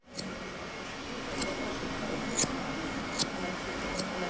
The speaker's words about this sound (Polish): Nożyczki, które są ze szlachetnej stali damasteńskiej. Mają one swój charakterystyczny dźwięk i oczywiście właściwości.